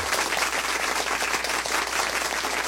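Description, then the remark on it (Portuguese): Steady, dense applause from a crowd, many hands clapping at once in a continuous, fairly loud wash of sound with no voices standing out. “Isso, mais aplausos, mais aplausos.”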